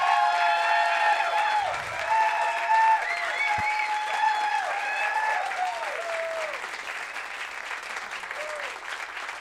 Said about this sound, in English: There's a lot of applause here.